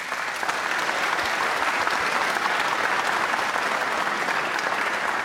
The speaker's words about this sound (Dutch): Mag ik een groot applaus voor Hawieg Elders.